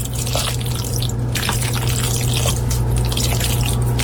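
Regular Kraft macaroni and cheese being stirred, recorded on a phone, a continuous wet, sloppy squelching with small sticky clicks, steady and fairly loud over a low hum, with no one talking.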